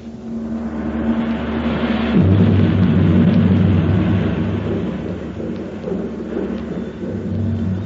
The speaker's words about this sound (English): I believe there's a storm coming up. Somehow I never expected that here. Oh, I don't think it'll touch us here in the valley.